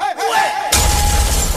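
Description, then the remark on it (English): Hailstones and rain pelt a car being driven, in a loud, dense, crackling rush of hard taps that starts abruptly after a short stretch of wavering tonal sound and continues steadily. “How can it be hailing, hailstones, and rain?”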